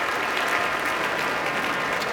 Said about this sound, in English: Now all of the musicians of the Boston Symphony standing to receive a very enthusiastic applause as La Mer is one of those pieces you want to hear this orchestra perform.